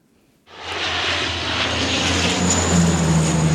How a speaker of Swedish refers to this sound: Vidsträckta skogar i brand och flygplan som dumpar vatten.